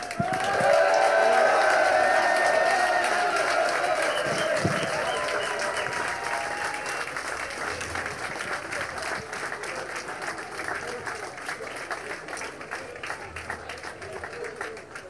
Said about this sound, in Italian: ma sono sicuramente molto più soddisfatti di ricevere il premio come vincitori del gruppo Cruiser. Un applauso per l'equipaggio di Kadama.